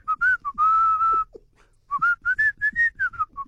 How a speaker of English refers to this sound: Can you whistle? Yeah. But there's two types of whistle. There's a musical whistle and there's a taxi whistle. Surprisingly, I can do both. let's hear it. Let's go. Okay. Normal musical whistle.